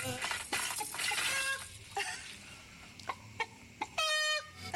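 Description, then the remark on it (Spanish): A rooster clucks in a series of short, sharp calls with brief pauses between them, fairly loud, ending in a longer harmonic squawk; a soft watery hiss sits underneath. “Lindo gallo mínimo ponen por acá.”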